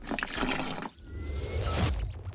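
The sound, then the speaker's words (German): Water gushes steadily into a filling bathtub, a dense splashing rush with a brief dip before it swells again, fairly loud with no voices. “Übrigens, heute ist Tag der Badewanne. Also, getreu dem Motto, Wasser rein, abtauchen, Alltag vergessen, funktioniert hervorragend, bis man merkt, dass man dann selbst auch den Abfluss sauber machen muss.”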